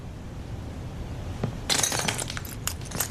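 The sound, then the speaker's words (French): After a second and a half of low, muffled rumble, bits of broken glass that have slipped underneath something clink and scrape in a cluster of bright, jangling taps, with a few sharper clinks near the end. “Je crois qu'il y a des bouts de verre qui sont passés en dessous.”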